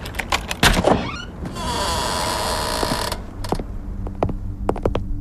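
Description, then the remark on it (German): A door is opened: a few sharp clicks and clunks, then a steady mechanical whirring that runs for about a second and a half, followed by scattered latch-like clicks. “Mach einfach die Tür auf.”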